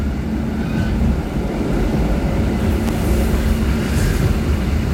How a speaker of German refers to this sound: das bisschen ältere Zugmodell rüttelt noch ein bisschen. Wir fahren jetzt aus. Fahren wir jetzt raus.